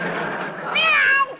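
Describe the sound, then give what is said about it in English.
A cat named Aesop lets out one sharp, loud yowl after its tail is stepped on, rising then falling, lasting about half a second after a moment of hissy background noise. “I didn't mean to step on your tail.”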